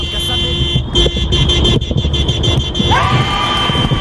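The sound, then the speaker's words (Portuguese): Car horns blare over loud street traffic, one held tone droning steadily while another horn sounds in with a rising wail near the end, amid a crowd's murmur. “Só vai chegando as buzinas, vai lá.”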